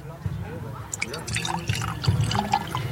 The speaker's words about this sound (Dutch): Nou, ik zou zeggen, een klein beetje inschenken. In die zijn ook speciale wijnglazen, zoals ik zie. Even zien, met het mooie muziekje hebben we eronder. Even luisteren of we dat inschenken kunnen horen.